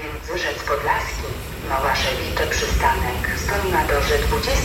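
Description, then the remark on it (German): An S-Bahn commuter train rumbles into a station, a steady low roar and rail noise, with a person talking over it the whole time. “So, die S-Bahn fährt jetzt gerade ein hier.”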